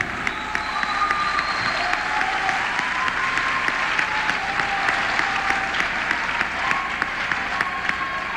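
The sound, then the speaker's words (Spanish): A crowd at a political event applauds President Andrés Manuel López Obrador, steady dense overlapping clapping filling the whole stretch at an even, loud level, with faint whistles or cheers riding on top. “Y vamos a darle un fuerte aplauso.”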